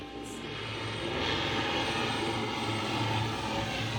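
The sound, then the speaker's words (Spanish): A steady, loud aircraft engine roar fills the air, a low rumbling drone that swells slightly and holds constant, like an airplane passing overhead as it lands. “Cuando los aviones aterrizan, es como si salieran de todas partes y uno se pregunta de dónde salió toda esta gente.”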